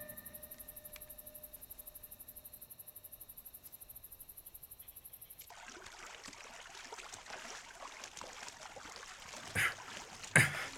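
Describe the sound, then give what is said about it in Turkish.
A boat moves through water: a steady, pulsing motor drone gives way to a rushing wash of water, with a couple of louder splashes near the end. No one speaks. “Bu o bahsettiğin tekne değil mi?”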